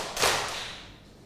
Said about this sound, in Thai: ปรบมือ2ครั้งค่ะ